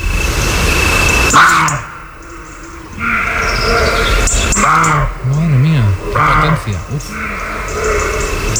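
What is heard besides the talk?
roe deer barking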